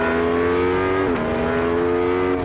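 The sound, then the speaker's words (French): A loud Aprilia motorcycle with a V4 engine, ridden on a race circuit, holds a steady, high-revving droning tone, with a brief dip partway through like a gear change before it pulls on again. No voices. “Parce que oui, cet Aprilia, sa particularité, c'est son moteur V4.”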